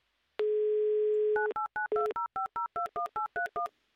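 A steady telephone dial tone holds for about a second, then a quick, evenly spaced run of about eleven touch-tone dialing beeps follows, loud, with no voices, as the Humor FM radio show dials a listener in Lipetsk, Russia.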